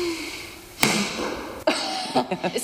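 At a sport shooting club, a sharp whoosh and sudden thwack as a dart shot from a blowgun strikes a board, landing on the board but not in the target, followed by a second impact and a few quick rustling taps, with no talking.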